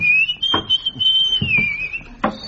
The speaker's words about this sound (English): But his whistling has no melody whatsoever. Yeah, it's known as modern whistling.